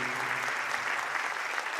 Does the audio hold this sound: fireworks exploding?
no